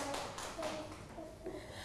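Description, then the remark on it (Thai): A group of children in a classroom clap together for a classmate who has just pronounced an English word, a quick, irregular patter of many hands, fairly soft, with faint voices mixed in underneath. “เก่งมากปรบมือให้เพื่อนอีกครั้งค่ะ”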